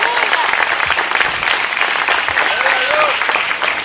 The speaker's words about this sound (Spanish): Levanten ese aplauso al Señor en esta hora.